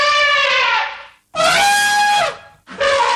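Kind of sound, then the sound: animal, elephant trumpeting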